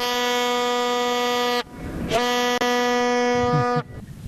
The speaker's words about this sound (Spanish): Así, con esa bocina, mi querida Geo, estamos poniendo un poquito de color y calor y esperando con mucha ansiedad lo que va a ser el partido el día de mañana